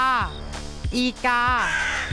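A crow caws about four times in quick succession, loud, each call harsh and nasal with a falling pitch, with no talking over it.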